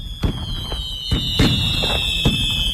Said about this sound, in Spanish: Son las 12 de la noche y los fuegos artificiales iluminan el cielo de la ciudad. Acaba el primer día de la Expo 92.